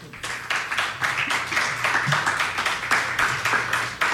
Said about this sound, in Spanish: ambas dirigidas por el maestro Enrique Burgos, a quien le pido un fuerte aplauso para donde quiera que se encuentre.